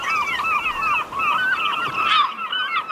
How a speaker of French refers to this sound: Vos fameux goélands, Jocelyn, les habitués de l'émission l'entendent souvent à cette heure-ci.